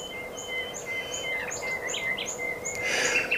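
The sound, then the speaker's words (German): A bird calls repeatedly with high, thin whistled notes in a steady rhythm, over a continuous low background hiss, growing a bit louder and busier toward the end. No one speaks. “Und wir haben es jede Sekunde 8.50 Uhr und damit ist es Zeit für den Vogel der Woche.”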